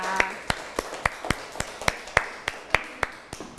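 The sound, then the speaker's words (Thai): Hands clap for a guest speaker in a steady, even rhythm, roughly a dozen crisp, sharp claps at a brisk pace, heard on their own without anyone talking over them. “แล้ววันนี้คุณครูเลยค่ะก็มีวิทยากรรับเชิญมาด้วยปรบมือให้กับวิทยากรรับเชิญด้วยนะคะ”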